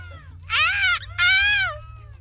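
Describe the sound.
A person's voice imitates a seagull's cry in a seagull-cry championship: two loud, drawn-out wailing squawks with a brief pause between, clear over a low background hum.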